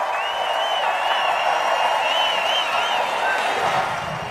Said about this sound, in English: All right, Vice President J.D. Vance wrapping things up. A very animated J.D. Vance, a very animated crowd.